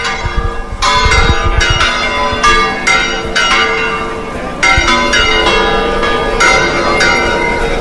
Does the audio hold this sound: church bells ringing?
yes